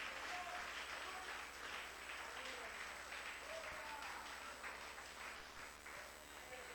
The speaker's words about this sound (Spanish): Denle un aplauso fuerte a Cristo con vida.